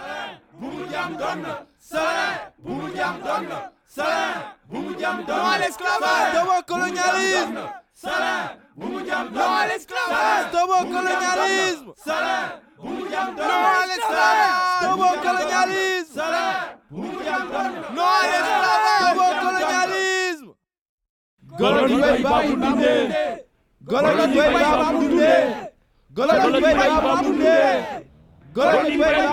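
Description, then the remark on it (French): A crowd of protesters, collectives of day labourers and residents of surrounding communes, chants slogans such as "Slavery, that's enough" and "Stop colonialism" in French, in loud, rhythmic bursts of massed voices, repeating with short pauses, then falls briefly silent before resuming the forceful chant. “Ils sont scandés par des collectifs de journaliers ou par des habitants des communes environnantes”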